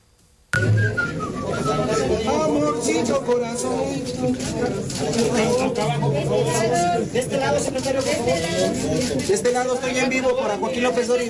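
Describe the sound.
A tune is whistled over a busy, crowded background with murmuring voices, the melody running steadily from start to finish at a fairly loud, close level.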